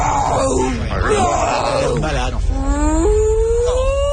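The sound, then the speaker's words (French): The cartoon fish Doris (Dory), the forgetful fish, imitates whale speech with long, drawn-out moaning and groaning tones that rise and wobble, ending in a sustained high wail, loud with no words. “Doris, c'est pas du baleine, tu parles plutôt au estomac parmi.”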